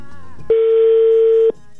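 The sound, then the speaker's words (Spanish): A single ringback tone from an outgoing phone call: one steady, loud electronic beep lasting about a second, with faint background noise before and after and no talking. “Ya sonando de nueva cuenta,”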